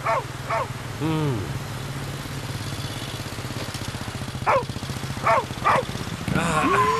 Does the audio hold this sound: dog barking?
yes